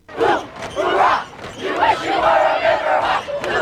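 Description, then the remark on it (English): A large crowd at a Friday night high school football game between the Wasatch Wasps and Deer Creek Riverhawks on Deer Creek's turf in Heber Valley cheers and yells loudly and without pause, the roar swelling and dipping in waves over a few seconds, with many voices blending together. “The crowd went wild.”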